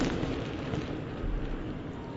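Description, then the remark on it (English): A fireworks finale, loud enough to be heard in Tecumseh: a dense, continuous barrage of overlapping explosions that blur into a steady, rumbling roar with crackle on top, holding at an even loudness with no one speaking. “Kathy says on text this morning, you could hear the finale in Tecumseh. That's how loud it was.”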